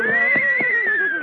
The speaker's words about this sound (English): Look, Mr. Kitzel, is this your horse? No, I'm renting him occasionally from a riding academy, but he's a very...